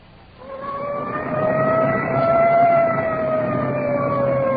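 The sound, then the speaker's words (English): A police siren of a Culver City, California police detective unit wails in a long, steady tone that slowly climbs in pitch as it clears a path through traffic on arrival at a crash scene, loud over a rumbling wash of engine and traffic noise, with no voices. “Siren clearing a path through the traffic.”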